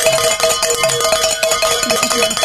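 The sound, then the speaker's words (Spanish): A cowbell rung on a Spanish-language radio station to mark listener donations clangs over and over in a fast, steady rhythm, its bright metallic tone ringing loud with sustained overtones, with no voices. “vamos a tocar la campana, vamos a tocar el cencerro.”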